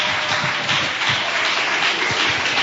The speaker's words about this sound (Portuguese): Vou receber o servo do Senhor com palmas bem alegre e exalto em Jesus.